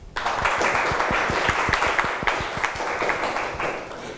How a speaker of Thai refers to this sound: ถูกต้องครับนักเรียนปลายทางคุณปรบมือตัวเองหน่อยครับ